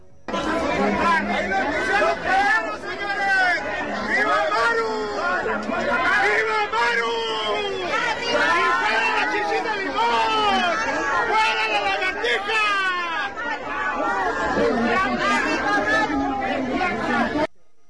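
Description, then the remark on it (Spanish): A protest crowd supporting the governor shouts and chants together outside the FGR (Fiscalía General de la República) in Chihuahua or Ciudad Juárez, Mexico, a dense, continuous wall of many loud overlapping voices with rising and falling cries, sustained without pause. “¿Qué te parece si vamos a escuchar poquito de lo que se gritó en el lugar?”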